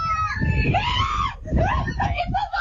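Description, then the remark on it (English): Baby animals scream in loud, high-pitched cries, one long wavering shriek followed by a second burst that rises and breaks into shorter squeals. “Listen to those babies scream.”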